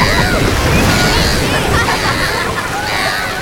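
Water sloshes and laps steadily, like small waves against a hull, a continuous wash of noise that stays fairly loud throughout.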